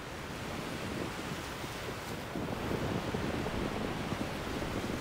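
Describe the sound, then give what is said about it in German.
Continuous roar of surf breaking on the beach at Prasunisi, the southern tip of Rhodes where the east and west coasts meet, with strong gusty wind buffeting the microphone; the wash swells louder about halfway through and stays dense, with no voices. “Der Hotspot für Windfans heißt Prasunisi, am südlichen Zipfel der Insel. Hier treffen Ost- und Westküste direkt aufeinander.”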